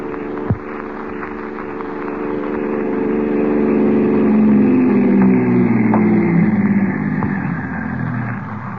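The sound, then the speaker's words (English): A car engine runs steadily, its low droning hum rising slightly in pitch partway through, with a single sharp thump right at the start and no voices. “Here's the car.”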